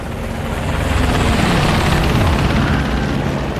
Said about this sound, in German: Hört ihr das? Was ist denn das für ein Sound? Hubschrauber!